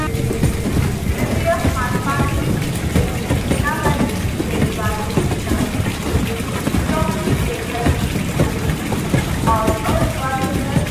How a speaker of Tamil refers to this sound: Train move ஆக போகுது, சீக்கிரம் வா.